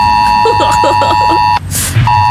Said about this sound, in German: Also ganz viele Systeme werden da getestet. Das bedeutet, dass unsere Smartphones auch ausschlagen mit diesem fiesen Ton. Okay, seid nicht sauer. Ich spiele ihn ganz kurz, damit wir vorbereitet sind.